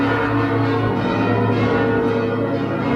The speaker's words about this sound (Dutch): En daarom werden ook vanmorgen de klokken van de Martinitoren geluid.